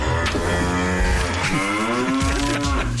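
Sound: cow mooing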